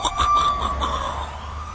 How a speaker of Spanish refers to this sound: Noche pesada en la ciudad. Sirenas sonando, patrullas por todas partes y los comandantes reportándose por radio.